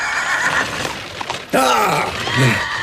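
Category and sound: animal, horse neighing and whinnying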